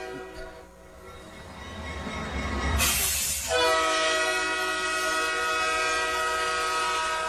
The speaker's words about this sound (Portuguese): Agora o trem está funcionando, já é amanhã.